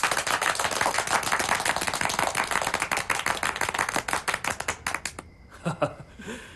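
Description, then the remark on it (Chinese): A crowd at a meeting breaks into loud, dense applause welcoming comrades of the 2nd and 4th surface-to-air missile battalions, many hands clapping rapidly and steadily for about five seconds before it thins out and fades, followed by a brief voice. “再欢迎一次。”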